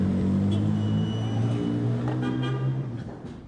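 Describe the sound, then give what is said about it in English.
A loud car engine hums and rumbles steadily in city traffic in Damascus, Syria, its low drone shifting slightly in pitch, with busy street noise around it and no voices. “I was stuck in the traffic now.”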